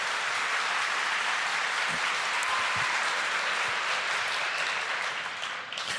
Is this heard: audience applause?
yes